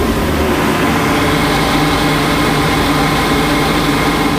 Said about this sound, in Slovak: Sme v takej úzkej chodbe za hlavnou miestnosťou planetária a vidíme ten systém, ktorý odvádza vzduch priamo nad nami, ktorý je za plátnom. Takže jednoduchá vec s ventilátorom, s vývevou a trošku hluku, ale návštevník nič nepočuje. Za to my áno.